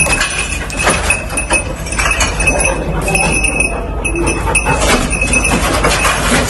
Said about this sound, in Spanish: Esto que escuchas es un perro rescatista rebuscando supervivientes entre los escombros, en La Guaira, en Venezuela.